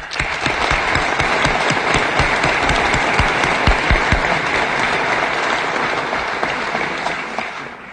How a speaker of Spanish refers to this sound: Y por eso yo les quiero pedir un aplauso para ustedes, porque son ustedes los que han trascendido en el tiempo en la defensa de nuestros valores.